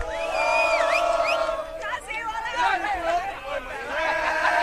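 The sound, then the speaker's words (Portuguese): A crowd of Brazilian football fans at the World Cup shouts and chants "Brasil, olê, olê, olê" together in a loud, steady roar, many voices rising and falling in pitch with brief whoops breaking through, continuous for the whole stretch. “Deixa eu entrar no meio do povo brasileiro aqui. Brasil, olê, olê, olê. Vamos gritar, vai.”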